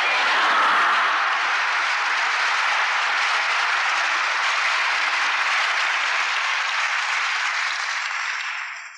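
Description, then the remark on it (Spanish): Loud, sustained applause from a large Catholic audience in honor of the Virgin Mary, a dense steady wash of many hands clapping for several seconds before tapering slightly at the end, with no voices standing out. “Yo supongo que todos estos aplausos son para la Virgen, no para mí. Entonces aplaudámosla más fuerte.”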